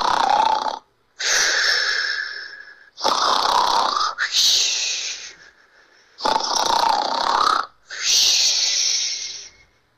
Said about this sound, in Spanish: Pero no la dejaba dormir. Sus ronquidos atravesaban las paredes.